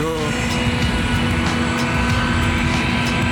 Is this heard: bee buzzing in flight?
no